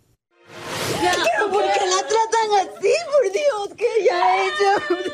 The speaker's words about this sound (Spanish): La mujer que grita en el video